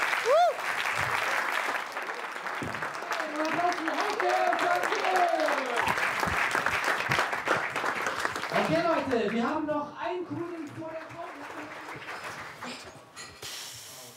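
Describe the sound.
A crowd applauds steadily for about fourteen seconds, a dense wash of clapping with a few cheers and an amplified voice speaking over it before it tapers off.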